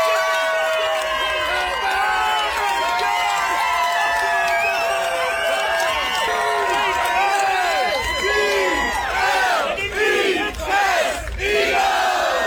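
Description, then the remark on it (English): A large crowd of Eagles NFL fans at a tailgate in Nashville cheers and shouts continuously, many voices yelling and whooping together in a loud, dense roar that swells with sharper bursts toward the end. “This is a much happier NFL fan clip. They're cheering about something, and guess in the room, why are they cheering?”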